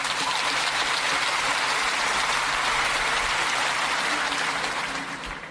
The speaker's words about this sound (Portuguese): E senhora doutor deputado Ana Coreta, meu grande amigo que está aqui presente, aquele aplauso para si também. Muito obrigado.